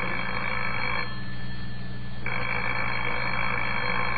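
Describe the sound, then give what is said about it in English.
A telephone bell rings in two bursts separated by a short pause, loud, with no voices. “Well, answer the phone, Lancelot.”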